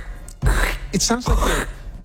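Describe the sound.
A voice imitates footsteps crunching through fall leaves, making two loud, breathy, rasping bursts with a brief voiced, throaty sound between them.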